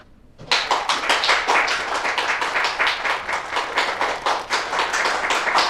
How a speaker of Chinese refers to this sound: 大伙儿都别鼓掌了